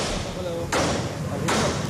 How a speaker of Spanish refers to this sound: Y el sonido que hoy rechina es el del desmontaje del vallado del encierro, señal de que empieza a bajarse el telón de los Sanfermines del 2026.